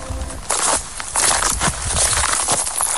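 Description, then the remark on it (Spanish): Crunchy footsteps of a person walking over burnt ground in a wildfire zone at Los Gallardos, Almería, Spain, the sticks and branches of the few remaining trees snapping and crackling underfoot at an uneven walking pace, with no voices. “Así suena el suelo, los palos y las ramas de los pocos árboles que quedan. Son las pisadas de nuestro compañero”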